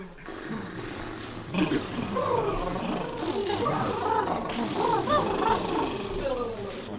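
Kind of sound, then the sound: human body sound, loud yawning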